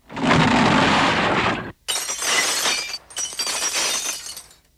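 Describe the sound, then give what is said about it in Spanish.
A loud, heavy crash roars for over a second outside the Luz de Luna mansions, then after a brief pause comes bright shattering glass, shards tinkling and cascading in two bursts, with no voices, as a Zoom automatic broom with a self-directing mechanism breaks a second-floor bedroom window. “Mientras hablaba, se oyó un gran estrépito fuera de las mansiones Luz de Luna, seguido de ruido de cristales rotos.”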